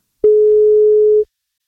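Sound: telephone ringback tone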